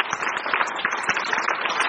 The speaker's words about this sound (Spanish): Aplauso para el Señor. Démosle a Él la gloria.